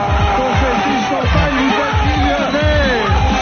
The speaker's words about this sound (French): Explosion de joie.